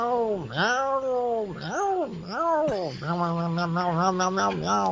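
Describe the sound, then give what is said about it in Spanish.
A person imitates a cat, voicing a rapid series of high, swooping meows, fairly loud, ending in a quick wavering run of shorter mews. “Miau, miau, miau, miau. Yo creo que es esa gatita, ¿no?”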